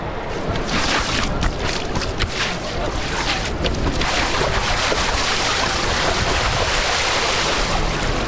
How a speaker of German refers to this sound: Ein Geplansche und Gematsche. Wollen wir auch mal ins Wasser gehen, Kollege?